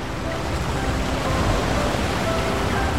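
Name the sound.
ocean waves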